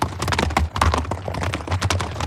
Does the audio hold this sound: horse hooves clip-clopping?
yes